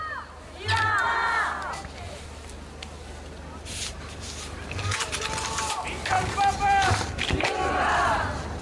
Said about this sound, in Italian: Abbiamo sentito intanto appunto la gente che sta inneggiando al Papa, che sta gridando viva il Papa.